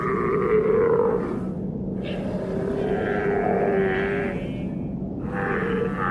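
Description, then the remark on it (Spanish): Seals of the Antarctic Southern Ocean call in long, drawn-out moans and groans, several overlapping wavering tones rising and falling over a steady rumbling bed, loud and continuous throughout with no talking. “Las focas del Océano Antártico viven entre dos mundos, el hielo y el océano.”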